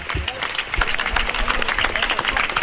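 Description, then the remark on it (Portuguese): A crowd applauds the town crier after the festival proclamation (pregón) in Pontevedra, many hands clapping in a dense, crackling wash that holds an even loudness throughout, with a few low thumps and murmured voices mixed underneath. “Aplausos, sí, para o pregoeiro.”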